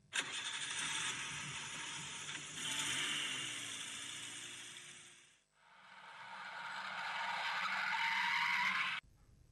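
A car engine cranks and starts, then revs and runs steadily as the car is taken out and driven off, a second stretch of engine noise rising in pitch before cutting off abruptly. No voices.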